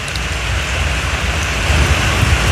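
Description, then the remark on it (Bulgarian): Steady, dense rain from a short thunderstorm hisses evenly throughout, with a low, continuous rumble of thunder underneath. No voices are heard. “Краткотраен дъжд, придружен с гръмотевици, валя и на други места в областта.”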